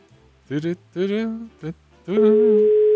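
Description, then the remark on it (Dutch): A steady telephone ringing tone on a line begins near the end and holds without break, following several short voice-like bursts. It sounds clear and moderately loud, as if heard through a phone. “Gaat hij over? Ja, hij gaat over.”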